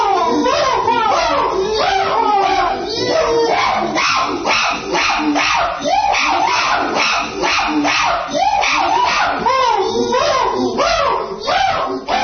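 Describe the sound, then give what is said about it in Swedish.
Chimpanzees at the Los Angeles zoo give a loud, unbroken chorus of excited hoots and shrieks, the overlapping calls sweeping up and down in pitch for about twelve seconds with no talking. “Och det här är schimpanserna när de lyssnar på Mattias Nyström.”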